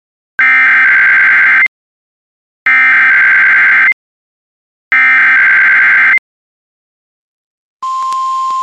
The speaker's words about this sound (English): This is a test of the NOAA Weather Radio Warning Alarm Device. During potentially dangerous weather situations, specially built radios are automatically activated by this tone to warn.